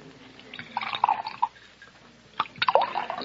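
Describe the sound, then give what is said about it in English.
Liquor pours from a bottle into glasses at a bar in two short bursts with gurgling, trickling tones and small clinks, fairly quiet, separated by a brief pause; no one speaks. “Set out a couple of glasses in that bottle you've got your hand on. We'll pour our own.”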